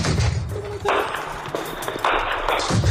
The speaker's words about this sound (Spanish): Este sonido que escuchamos es el de los disparos de las milicias Fano al encuentro con las Fuerzas de Defensa Nacional de Etiopía en los alrededores de Amedo, en el este de Amara.